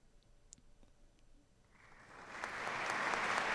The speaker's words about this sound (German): Und wieder Applaus.